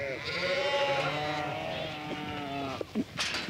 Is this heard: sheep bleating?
yes